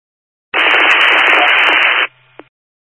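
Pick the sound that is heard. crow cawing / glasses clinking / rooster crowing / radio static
radio static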